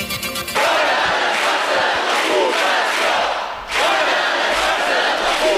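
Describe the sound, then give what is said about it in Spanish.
A large protest crowd of about five hundred people in front of the government delegation in Palma, Baleares, chants slogans in unison, including calls for the resignation of Alfonso Rodríguez. A loud, dense roar of many voices rises and falls in rhythmic bursts, briefly dipping before surging again. “Medio millar de personas se han concentrado frente a delegación de gobierno en Palma.”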